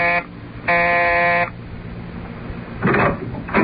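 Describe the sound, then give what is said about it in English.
A doorbell buzzer, the bell marked Staley, landlord, at a brownstone house, pressed by reporter Luke Harvey, sounds twice: a brief harsh drone followed by a longer steady buzz, rich in raspy overtones. A short noisy rattle follows after a pause. “But let us return to the present, and reporter Luke Harvey pressing the bell marked Staley, landlord, in his brownstone house.”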